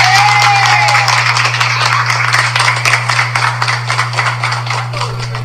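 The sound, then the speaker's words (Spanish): A crowd bursts into steady applause, dense overlapping claps that keep going and taper slightly toward the end, with a rising whistle or cheer at the start and a low constant hum underneath. “¡El aplauso!”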